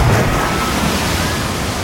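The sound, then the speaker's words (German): A loud, steady rush of splashing water, a water slide sound effect, filling the short moment with dense, continuous spray and no voices. “Wir rutschen gemeinsam die Wasserrutsche runter. Sobald ihr in dieser Stunde dieses Geräusch hört.”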